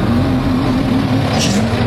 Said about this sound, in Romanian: Un motor, un camion.